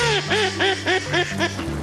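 A duck quacks in a quick series of about seven nasal calls, fairly loud, with a low steady hum running underneath and no voices.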